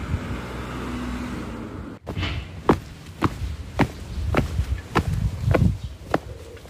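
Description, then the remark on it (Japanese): Steady footsteps stride along a paved street at an even walking pace, walking from the Hon-Oshino bus stop in Oshino 1-chome, Nonoichi, Ishikawa Prefecture, Japan, toward the Oshino community hall, following a few seconds of low passing-traffic rumble that fades into a quieter outdoor background. “今日はこの本忍野のバス停から少し歩いて忍野公民館の方に向かっていこうと思います。”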